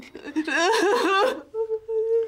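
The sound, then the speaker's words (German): A young woman sobs and whimpers, her voice wavering in shaky, pitched cries, then trailing into thin, sustained whimpering sounds after a short catch of breath. “Nicht weinen, Kleines.”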